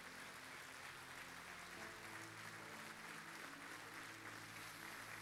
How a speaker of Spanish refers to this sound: Aleluya. De fuerte ese aplauso, por favor.